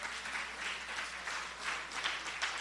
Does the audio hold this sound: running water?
no